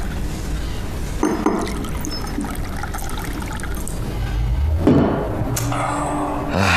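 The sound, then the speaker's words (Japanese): A drink is poured into a glass in a steady stream, the gurgling fill swelling louder toward the end, with a faint clink partway through and no talking. “一杯行こう。”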